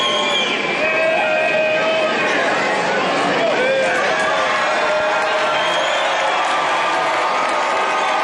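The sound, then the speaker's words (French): A large crowd of residents and pilgrims cheers and shouts continuously as Pope Leo XIV appears at his lectern for the Sunday Angelus, at a steady loud level, with scattered whistles and overlapping voices forming a dense, sustained roar. “Et voilà, sous les acclamations de la foule, le pape Léon XIV qui vient de se présenter à son pupitre.”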